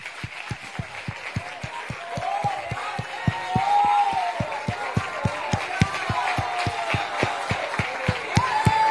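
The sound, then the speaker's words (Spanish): An audience applauds for the Father, the Son and the Holy Spirit in a steady, rhythmic beat, many hands clapping together in time while raised voices call out and cheer over the clapping throughout. “Denle un aplauso al Padre, al Hijo, al Espíritu Santo.”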